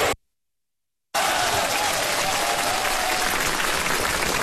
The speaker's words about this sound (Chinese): 听见这掌声了吗？ 听到了。